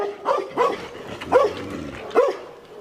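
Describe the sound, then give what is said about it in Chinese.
Three dogs bark in short, sharp bursts at a Tibetan brown bear that ignores them and eats from the dogs' iron food bucket; about four barks spread unevenly over a few seconds, moderately loud, with a faint background murmur between them. “这头西藏棕熊对三条猛犬的紧逼视若无睹，从容不迫地走到了为狗盛食物的铁桶前，毫无顾忌地享用着桶中的食物。”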